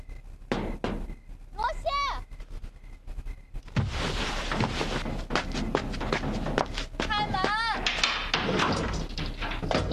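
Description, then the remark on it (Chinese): Footsteps and someone knocking at a door give way to the door being opened, after which a steady wash of background noise fills the scene, with short high-pitched squeaks and voices. “我开门去了啊。 真开门的。”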